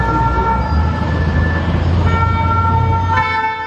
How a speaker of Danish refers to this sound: Protester blandt franske studerende har taget et gevaldigt nyk op og breder sig. Der er sirener og tumult i gaderne, fordi ja, der er blandt andet biler, der sættes i brand.